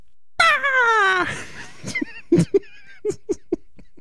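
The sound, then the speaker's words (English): A voice imitates a raven with one long, strained, falling squawk, then breaks into a string of short, choppy bursts that sound like stifled laughter. “I'm going to try to do a raven sound for you guys, but it's going to sound like a chicken.”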